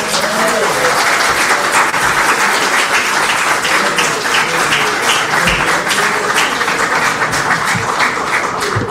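Steady audience applause for a performer at the official ceremony for the release of the 2026 CXC results: many hands clapping in a dense, continuous patter that stays loud throughout, with faint crowd voices mixed underneath.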